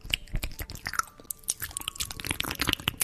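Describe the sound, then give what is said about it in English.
Close, wet ASMR chewing right up against a microphone, with rapid crunchy bites and smacking clicks repeating unevenly throughout, loud and intimate with no talking. “That is somebody chewing into a microphone, ASMR.”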